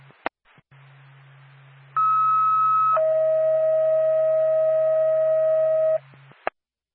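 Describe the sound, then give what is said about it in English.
A North Acton Whitefield Ambulance dispatch alert tone: a steady higher tone for about a second drops to a lower, longer tone lasting three seconds, over a constant low radio hum with clicks at start and end. “North Acton Whitefield Ambulance, stand by for tone.”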